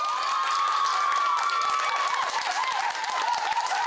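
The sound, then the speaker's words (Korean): Students of a Buddhist high school cheer and shout loudly in welcome to visiting Buddhist monks, their voices rising together in a sustained, high-pitched roar mixed with clapping that lasts several seconds without letting up. “스님들의 방문에 반가운 함성으로 화답한 학생들은 불교 종립학교를 다니는 자부심이 넘쳤습니다.”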